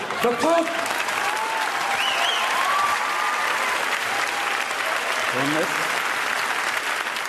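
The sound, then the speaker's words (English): A crowd applauds steadily for several seconds, dense clapping at an even loudness, with a few voices calling out and whooping over the noise. “Applause break number two.”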